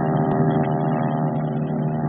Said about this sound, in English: And bright and early, the planes began to screen down the flight deck, out over the Pacific, and on to the office.